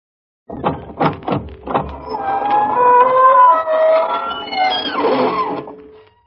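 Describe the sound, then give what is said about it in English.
The long, loud squeaking door of the Inner Sanctum radio show opens slowly: a few rough creaking jolts at first, then a drawn-out wavering high squeal that groans and rattles before fading out. No voices. “This is your host bidding you welcome through the squeaking door.”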